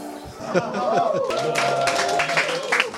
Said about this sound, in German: Also der Applaus gilt natürlich an dieser Stelle euch. Und ich habe gesehen, ne? Auch da hinten wurde mitgemacht.